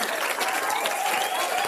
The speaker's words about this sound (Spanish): Muchas gracias. El aplausote que se merece.